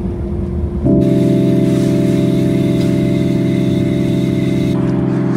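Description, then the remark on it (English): A heavy, underpowered lorry engine drones steadily, its low rumble jumping to a louder, strained pitch after a second and holding there as it labours along, driving into Castle Bellingham, Ireland. “Now, I haven't driven this lorry in about 2 years, and you forget how much power it doesn't have. Struggles any time it sees a hill.”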